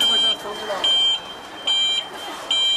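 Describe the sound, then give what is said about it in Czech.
An electric-powered cart beeps as it arrives, bringing a tennis player to an autograph session past patrolling officers and fans. It sounds a loud warning tone in about four evenly spaced pulses over a soft murmur of background voices. “Vozítko na elektrický pohon právě přivezlo Kateřinu Siňakovou k autogramiádě”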